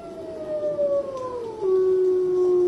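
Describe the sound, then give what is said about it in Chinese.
Wolves howl not far away in the snowy mountains of the Sanjiangyuan (Three Rivers) protected area, long, mournful tones that slide slowly downward, with a second voice overlapping as the first settles into a steady low note. No one speaks. “这只孤独的雪豹坐起身来，不远处响起了狼嚎声。”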